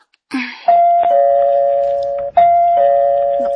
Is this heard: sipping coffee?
no